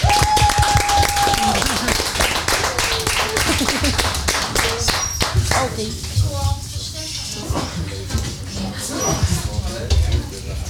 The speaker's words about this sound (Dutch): En we danken jou hartelijk voor jouw bijdrage. Dank je wel. Applaus.